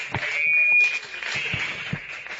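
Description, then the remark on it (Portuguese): A church audience claps for Jesus steadily in a dense, sustained wash of applause, with a few sharper claps standing out and a faint high tone running through part of it. “Maravilha, mais forte as palmas para Jesus.”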